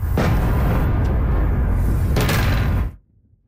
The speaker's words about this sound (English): Explosions in the night sky over the capital. This is the sixth consecutive day of attacks from Russia.